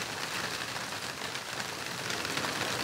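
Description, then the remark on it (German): Heavy rain sweeps in sheets down a street, pouring in a steady, dense hiss that fills the whole scene, with a constant roar of water striking the ground and no voices present. “Da sieht man, wie die Schwaden die Straße runterziehen.”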